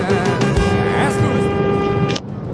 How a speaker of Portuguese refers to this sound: Lá vai buzina!